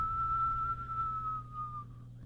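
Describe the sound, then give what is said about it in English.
A person whistles one long, steady note imitating the north wind blowing, sinking slightly in pitch and fading. A low hum sits beneath it, with no talking. “the north wind began to whistle”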